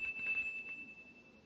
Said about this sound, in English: It's used for testing the flavor of food. Now, I have a plain, ordinary cereal right here, so let's test it. The better it tastes, the louder it'll ring the bell. All I do is put the cereal in this slot and push the button.